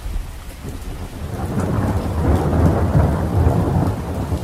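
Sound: heavy downpour with thunder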